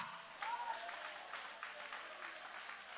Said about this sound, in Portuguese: Quem já recebeu nova vida através da palavra, joga a mão para cima e aplaude o nome do Senhor.